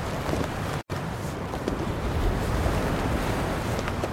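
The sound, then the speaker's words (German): Steady surf rolls and washes against the shore while wind gusts buffet the microphone, a dense, continuous roar with a brief dropout near the start and no voices. “Die salzige Luft des Meeres drang in seine Nüstern. Auf der sandigen Küstendünung verrotteten die Gerippe an Land geschleppter Schiffe. Segel blähten sich zerfetzt im Wind.”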